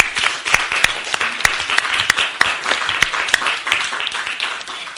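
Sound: audience applause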